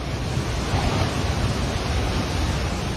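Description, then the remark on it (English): A loud, continuous roar of rushing floodwater sweeping through a town and carrying buildings away, dense and churning without any break, with no voices over it. “Look at the flood's devastating approach. Buildings swept away, the town swallowed whole in just minutes.”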